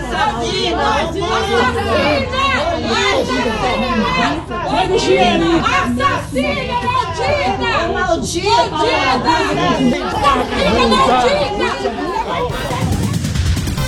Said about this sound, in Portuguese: e a chegada dela ao local foi marcada por gritos, protestos, manifestações de populares.